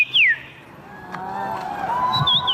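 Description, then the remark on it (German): A person whistles a birdsong imitation at the annual bird-voice imitation championship in Warsaw, Poland: a bright downward-swooping note, then softer warbling tones and a high chirp, over a faint murmur. “Denn in der polnischen Hauptstadt findet einmal im Jahr die Meisterschaft im Nachahmen von Vogelstimmen statt.”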